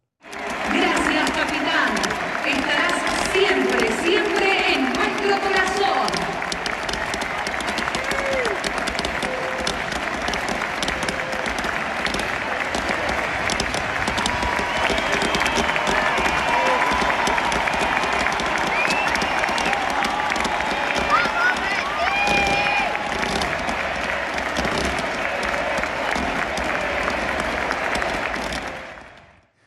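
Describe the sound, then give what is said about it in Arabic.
A huge stadium crowd at the Monumental stadium applauds steadily for about thirty seconds during a tribute to Lionel Messi, after the referees stop the match in the 10th minute for his shirt number. A dense, loud wash of clapping with scattered cheers and voices rising throughout. “وعند الدقيقة 10 من المباراة قرر طاقم التحكيم وقفها في رمزية طبعا لرقم قميص ميسي.”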